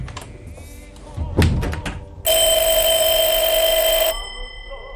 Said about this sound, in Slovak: Zvoní telefón! Nepočuje.